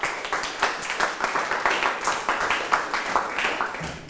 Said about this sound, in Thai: ปรบมือให้กับตนเองครับ